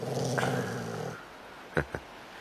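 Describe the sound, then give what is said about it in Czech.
A dog hiding behind a hut and peeking out growls low and steadily for about a second, then falls quiet before two short, sharp vocal bursts follow close together. Nobody speaks. “Schoval se za chatu, opatrně vykukuje a vrčí.”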